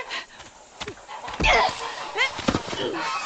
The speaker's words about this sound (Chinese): 坏大鹅，你叫你叫你叫，就是撒手叫那些小鹅仔住嘴。